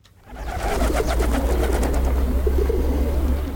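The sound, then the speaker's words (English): A dense chorus of roughly 1,000 racing pigeons gathered for a race, cooing together in a continuous overlapping murmur of many birds, with a low rumbling background hum throughout. “Don't know the exact number, but roughly 1,000 pigeons today.”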